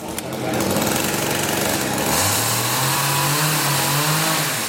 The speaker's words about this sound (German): Laut ist es in den ersten Tagen im Schlosshof in Steinach. Die Bildhauer sägen die groben Konturen in dicke Eichenstämme.